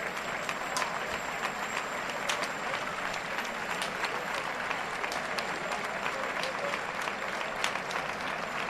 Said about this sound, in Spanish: Ya está la guasidilla con la oreja en la mano, el tiro de mulilla de los hermanos Atalaya arrastrando al toro, que recibe palmas en el arrastre.